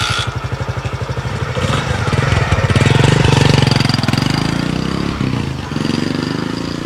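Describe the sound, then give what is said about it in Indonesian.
A new motorcycle's engine putters at idle with a rapid, regular pulse, then revs up and roars steadily as it pulls away carrying riders, loud throughout. “Emang beda ya kalau naik motor baru?”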